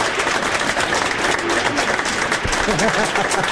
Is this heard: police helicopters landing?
no